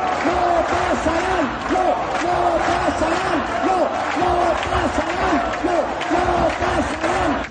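A large crowd at a protest gathering called by the collective Amasturies, against fascism, loudly chants the slogan "No pasarán" in unison, repeating it again and again in a steady, rhythmic cadence with no pause for the whole stretch.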